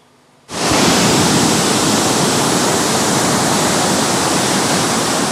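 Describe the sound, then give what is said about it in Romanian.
Loud, steady roar of rushing floodwater from a river that has burst its banks after torrential rain in Buzău County, Romania. It begins abruptly after a brief quiet moment and continues unbroken, like a swollen river surging. No voices are heard. “Un râu care a ieșit din matcă a distrus un pod și a izolat două sate.”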